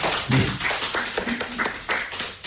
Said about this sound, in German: Ich bitte unsere anwesenden Gäste um einen Applaus.